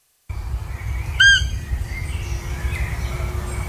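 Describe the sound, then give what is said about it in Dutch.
A single high, thin squeak from a roe deer doe, the call known as fiepen, rings out once, short and fairly loud, over a steady low outdoor rumble, followed by faint traces of similar sounds. “het vrouwtje maakt dat geluid van een piepertje, alsof ze een piepertje heeft ingeslikt. En dat heet dan fiepen.”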